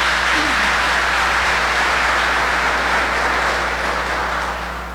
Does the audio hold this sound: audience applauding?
yes